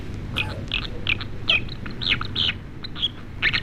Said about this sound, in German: So, und dann hätten wir noch einen, und zwar die Wasseramsel. Das finde ich ein toller Vogel, aber es klingt ein bisschen wie ein Faxgerät.